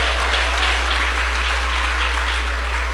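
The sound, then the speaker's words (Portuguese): A crowd claps steadily in praise to Jesus, dense overlapping hand claps forming a continuous, fairly loud wash of applause with no voices on top. “Ô glória, pode bater as palmas para Jesus, pode bater as palmas para Jesus, ô glória.”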